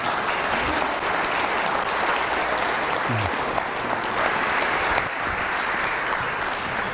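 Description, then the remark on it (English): A crowd applauds steadily for about seven seconds for anti-abortion speaker Seth Gruber, a dense, even wash of clapping at a constant loud level with no voices standing out. “Big round of applause for Seth Gruber.”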